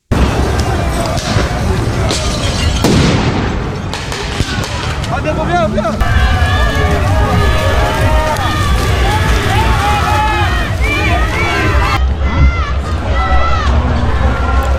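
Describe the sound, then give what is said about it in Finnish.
A loud, chaotic crowd of protesters against the G7 summit clashing with police in Geneva, Switzerland: many voices shouting and yelling over one another amid constant scuffling commotion, unbroken throughout. “Tänään alkavaa G7-kokousta vastustaneet mielenosoitukset yltyivät nujakoinniksi Genevessä Sveitsissä eilen.”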